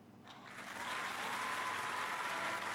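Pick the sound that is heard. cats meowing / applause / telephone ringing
applause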